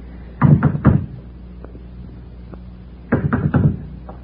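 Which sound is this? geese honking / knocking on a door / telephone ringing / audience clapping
knocking on a door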